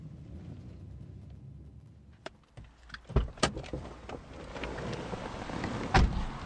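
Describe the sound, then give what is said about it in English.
Mechanical clunks and clicks of a car door and power windows over a low engine-like rumble, with a few sharp thuds and no one speaking, as a car drives to a safe house in a rundown part of a city. “drives us to a safe house in a rundown part of the city.”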